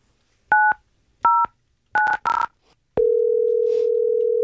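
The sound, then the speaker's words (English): Four short touch-tone keypad beeps, the last two in quick succession, followed by a steady, even tone of an outgoing call to a pet shop ringing on the line. No one speaks. “But we did take some of those sounds and we called this pet shop.”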